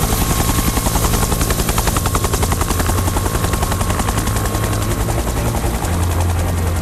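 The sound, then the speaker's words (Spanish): A firefighting helicopter hovers over a wildfire, about 15 metres from the flames amid smoke, about to drop thousands of litres of water; its rotor blades thud in a fast, steady rhythm over a loud engine roar that stays constant throughout, with no voices. “Volar apenas, están escuchando un helicóptero a 15 metros de unas llamas con el humo borrando el horizonte, con unos segundos para decidir dónde descargar miles de litros de agua.”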